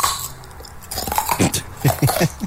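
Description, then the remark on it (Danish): Crunchy chewing of a raw carrot: a quiet opening, then a quick run of loud, crisp, snapping crunches as the teeth work through it, with no talking. “Det er en gulerod.”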